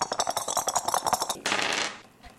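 Picture dice rattle and clatter across a hard surface in a quick burst of small clicks during a board game, followed by a brief sliding rush as they settle, landing on a bone and a mud puddle; moderately loud, no voices.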